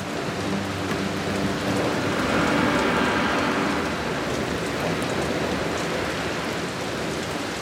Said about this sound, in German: Die Tropfen werden immer größer und immer schwerer. Sie drängen sich eng zusammen und können kaum mehr schweben. So schwer sind sie geworden. Bald kann die Wolke die dicken Tropfen nicht mehr halten. Es gibt einen Wolkenbruch.